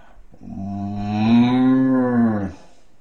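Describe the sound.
A single long, low moo drawn out for about two seconds, done by a human voice imitating a cow, swelling slightly in the middle before cutting off, with no talking around it.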